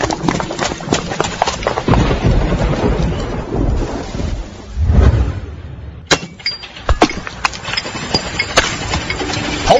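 Steady heavy rain hisses throughout, with a deep roll of thunder swelling around the middle and sharp crackling bursts afterward, loud.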